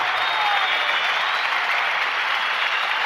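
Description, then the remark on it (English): Steady audience applause fills the whole stretch, a dense wash of many hands clapping at an even, sustained loudness with no voices standing out. “Okay, the applause.”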